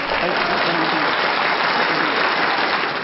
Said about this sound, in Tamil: ரொம்ப அழகா பண்ணீங்க, ரொம்ப அழகா கண்டுபிடிச்சீங்க. அவருக்கான ஒரு கைத்தட்டு கொடுத்துடலாமா?